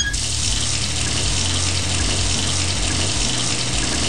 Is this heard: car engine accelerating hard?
no